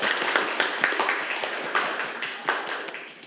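A class of students claps steadily for a few seconds after a classmate's presentation on e-cigarettes, a dense patter of many hands at moderate volume, with no voices over it.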